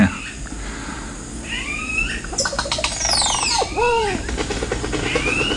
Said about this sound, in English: Oh, that's some bird they've recorded. Certainly is peaceful.